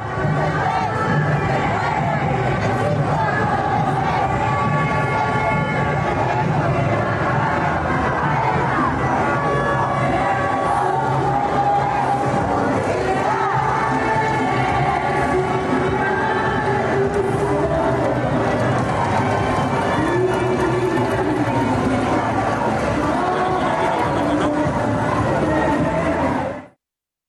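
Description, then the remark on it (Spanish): A loud, dense crowd of protesting mothers and concertgoers roars and shouts continuously, with cheering and yelling layered over amplified concert music blaring from speakers, sustained at high volume throughout. “así de ensordecedor estaba tanto las bocinas de este concierto, las madres que gritaban cada vez más fuerte, pero la gente que ya se estaba acercando a celebrar”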